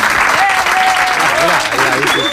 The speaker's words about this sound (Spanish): Oye, si los aplausos no llegan, no pasa nada, ¿eh? Los hacemos nosotros, mira.